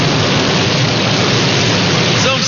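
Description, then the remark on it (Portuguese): Steady, heavy rain pours down in a dense, continuous hiss that fills the whole clip at a loud, even level, with no voices. “Olha que chuva boa!”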